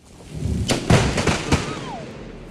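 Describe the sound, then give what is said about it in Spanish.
Several sharp, loud cracks of a lightning strike hitting an electrified fence during rain in South Carolina burst in quick succession over a low, steady rumble, the last crack fading into the background noise. “Y cuando aparecieron los rayos y las centellas, ocurrió esto.”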